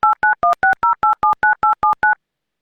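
A rapid run of eleven loud, evenly spaced touch-tone beeps as a phone number is redialed, each a short two-note electronic chirp, with no voices and silence after the last tone.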